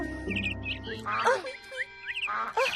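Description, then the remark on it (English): Ducks quack in two loud, raspy bursts amid a steady chatter of high, chirping birdsong, busy with no pauses. “But the birds never quit tweeting and never quit quacking.”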